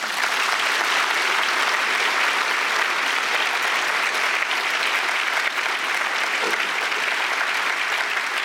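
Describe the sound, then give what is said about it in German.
Sustained applause from a large audience fills the Paulskirche in Frankfurt, a reverberant, dense steady wash of clapping hands at constant loudness throughout, with no voices standing out. “Schön, dass es mit dem Applaus geklappt hat.”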